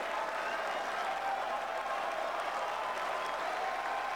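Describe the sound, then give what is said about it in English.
A tennis crowd applauds steadily after Noskova's passing shot goes wide on match point against Kostaya, 6-5 in the deciding set; a dense wash of clapping that stays loud and even throughout without any voices rising above it. “You can hear how the crowd are getting into this match now.”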